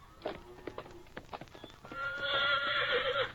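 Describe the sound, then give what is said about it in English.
A horse's hooves clip-clop in a quick, uneven rhythm, then the horse lets out a long, loud, wavering neigh that carries through the last second and a half. “Nice looking horse you got there.”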